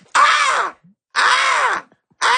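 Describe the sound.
A voice imitates a raspy, crow-like gull call, repeating it in three loud, harsh bursts of about half a second each with short pauses between, the last one cut off.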